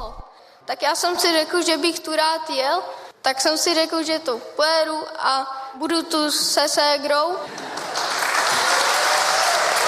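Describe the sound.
A man speaks for several seconds, then an audience breaks into loud, steady applause, a dense wash of clapping that carries on to the end, rewarding him for his words.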